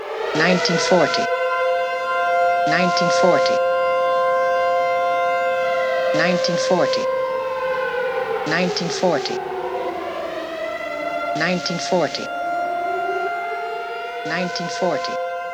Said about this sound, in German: Entsprechend den von den Personen repräsentierten Welten hören wir sowohl amerikanische als auch europäische Züge. Vor allem die Zughupen spielen eine wichtige Rolle. Neben diesem quasi ausgehaltenen Hupenton hören wir auch sirenenartige Klänge.